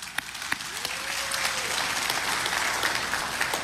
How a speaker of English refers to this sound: We can clap for God's word.